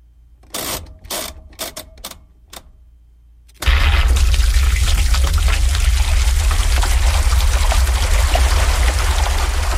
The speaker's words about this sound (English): This is a washing machine, and it's been turned into music.